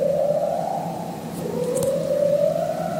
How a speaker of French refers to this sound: Ça, c'est un léopard de mer. Un prédateur de l'Antarctique qui produit des séquences longues, répétées, presque hypnotiques. Les scientifiques parlent d'un chant structuré, une forme de berceuse sous la glace.